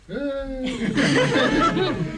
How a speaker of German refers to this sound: Na, das ist ja, das war ja tosender Applaus.